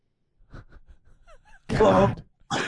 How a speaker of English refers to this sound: She gasps. I mean, orgasmically, was sitting there just, oh, I can't believe here he is.